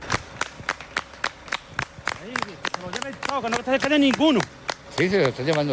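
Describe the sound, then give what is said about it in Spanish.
A crowd claps in a steady rhythm, then breaks into loud cheering and shouting voices over continued sharp claps, energetic, cheering the army as it guides groups of young people toward the border. “El ejército, vitoreado en ocasiones, va encapsulando grupos de ellos y guiándolos hacia la frontera.”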